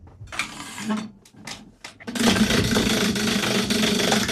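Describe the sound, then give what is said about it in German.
A prize wheel on an SRF Kids show is spun very hard: a few short knocks, then a loud, rapid, continuous rattle of clicking that keeps going steadily to the end without slowing. “Wie fest soll ich drehen? Ganz fest.”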